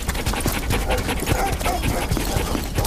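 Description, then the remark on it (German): A team of fifteen sled dogs pants rapidly and steadily as they are harnessed one after another to set off, with occasional faint whines mixed into the continuous, breathy rhythm. No one speaks. “Die 15 Hunde werden nacheinander eingespannt und mit einem lauten Marsch setzt sich die kleine Gruppe in Bewegung.”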